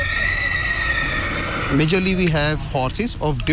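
A horse at a breeding farm lets out a loud whinny, a quavering call that wavers up and down for nearly two seconds after a stretch of steady droning background noise.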